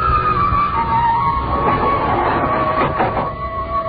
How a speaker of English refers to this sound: Kept watching him, peering at me furtively as the elevator moved upward with agonizing slowness.